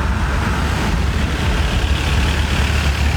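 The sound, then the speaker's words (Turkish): Steady low rumble of idling engines from a kilometres-long queue of stalled holiday traffic between Menteşe and Yatağan in Muğla, Turkey, trucks and cars droning together at a constant level with no voices. “Tatilciler Muğla'da Menteşe ve Yatağan arasında kilometrelerce uzayan trafik kuyruğunda sıkışıp kaldı.”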